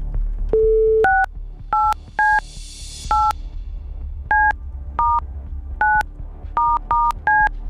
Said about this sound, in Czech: Hoď mi to taky, ať to vím i já, protože budu vytáčet telefonní číslo, ze kterého tahle ta SMSka s žádostí o proplacení účtenky přišla. Tak, už to vidím a jdeme na to.